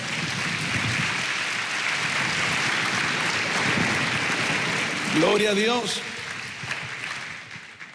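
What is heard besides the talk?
audience applause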